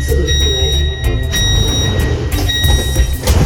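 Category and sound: vehicle, train doors sliding shut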